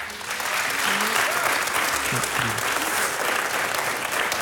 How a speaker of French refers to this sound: On vous demande d'applaudir très fort AMG et Ornella Moulet.